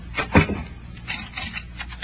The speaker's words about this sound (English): Do you have to lock the door? Yeah, I think I do.